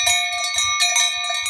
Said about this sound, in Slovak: Počuli ste? Tie plechové zvonce nosili veľké ovečky a malé liatovce, čiže liaté zvonce, s jemnejším zvukom dávali na krk jahniatkám.